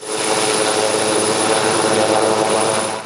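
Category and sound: vehicle, helicopter flying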